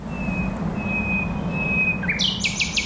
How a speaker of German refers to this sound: Eine Berliner Nachtigall.